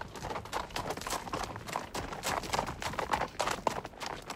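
Horse hooves of a historic pack-horse train trot steadily on hard ground, a continuous clip-clop with a brisk, even rhythm, moderately loud throughout.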